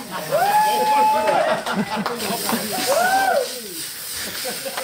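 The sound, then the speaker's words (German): Champagne sprays with a steady, loud hiss and splashing in a locker room during Zverev's celebration after winning the US Open final, while voices shout and cheer excitedly throughout, with a few rising and falling whoops. “Erst gab es eine wilde Champagner-Dusche in der Umkleidekabine.”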